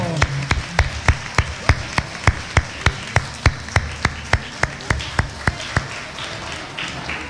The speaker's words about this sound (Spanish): Muy bien, un aplauso.